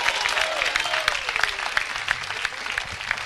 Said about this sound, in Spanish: Dale fuerte ese aplauso si es para él.